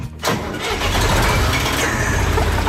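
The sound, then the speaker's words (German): A 1977 field-implement tractor with a front tipper is started with a key: a brief starter crank gives way to the engine catching and settling into a loud, steady, rumbling idle with a low chugging throb that continues to the end. “Ein Feldgerätetraktor mit Kipper vorne dran aus dem Jahr 1977.”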